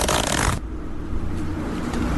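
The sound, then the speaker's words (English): A zipper pulled in one quick, loud, raspy stroke lasting about half a second, followed by a low, quiet hum and no voices. “What else can be zipped up?”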